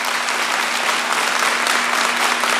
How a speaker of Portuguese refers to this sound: Pode aplaudir, você que é católico, você que acredita nisso, mais forte, ela é a Mãe da Igreja.